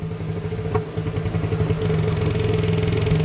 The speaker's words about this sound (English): Loudest animals clicking at 230 dBs. And I found this.